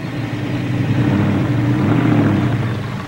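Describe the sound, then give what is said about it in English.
The engine of a roughly 5,000-pound truck rumbles steadily as it drives over a ramp and across a man lying beneath it in a daredevil stunt, its deep drone swelling slightly in the middle as it pushes forward at low speed, with no talking. “We're using a truck, so we're coming pretty close to a 5,000-pound vehicle.”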